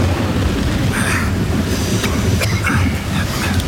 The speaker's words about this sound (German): Verdammter Regen!